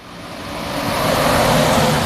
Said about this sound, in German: LKW an LKW rauscht vorbei. Die Bundesstraße 400 teilt das Dorf Ulfen in zwei Teile.